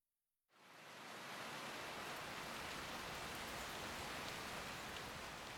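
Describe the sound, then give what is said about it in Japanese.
After a brief moment of quiet, a dense, steady downpour starts abruptly near a castle's main gate, a thick continuous hiss of heavy rain that stays loud and unbroken to the end. “城を下って大手へ出ると、敗然とした雨が来た。”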